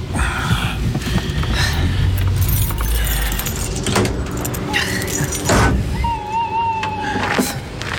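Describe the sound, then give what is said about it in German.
A car engine rumbles steadily as the vehicle rolls in and parks directly behind another car, with metallic rattling and a brief high brake squeal toward the end; no one speaks. “Ja, parken Sie direkt hinter seinem Wagen.”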